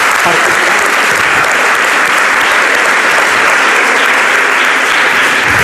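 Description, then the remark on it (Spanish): Sustained applause from an audience at a live radio broadcast in Valderrobres, welcoming Isaías La Fuente, a dense steady clatter of many hands clapping at once, loud throughout with no voices standing out. “Podéis aplaudir a Isaías también, gracias.”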